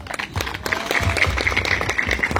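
Steady applause from a crowd in Cortina for Roberto Olivera, head of the Junta Local de Cortina, and municipal workers, dense overlapping claps at moderate loudness, with some low rumble underneath and no clear talking.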